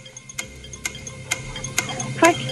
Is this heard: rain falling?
no